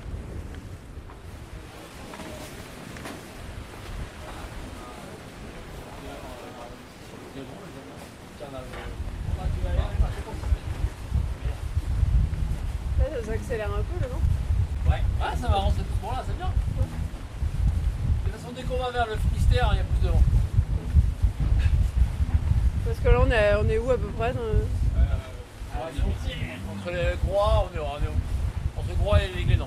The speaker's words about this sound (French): Le bateau qui peu à peu prend de la vitesse, on le sent, et qui se prépare à décoller.